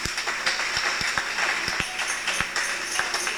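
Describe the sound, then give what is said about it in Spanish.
An audience applauds steadily for the local authorities, COCODES, auxiliaries and citizen security, a dense patter of many hands clapping with a few sharper individual claps standing out, sustained at an even level throughout with no voices. “Un aplauso a ellos, hermanos.”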